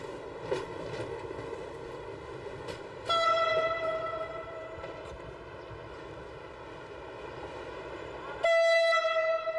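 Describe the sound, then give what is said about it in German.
A train leaving Genoa Piazza Principe station, heading into a tunnel under the old town, rumbles steadily while a long, pitched horn tone sounds throughout, swelling louder twice as new horn blasts begin; no one speaks. “Die Züge verlassen Genua Piazza Principe, um direkt in einem Tunnel unter der Altstadt zu verschwinden.”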